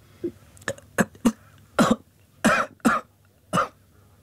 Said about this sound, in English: I drank some of the water and choked on it.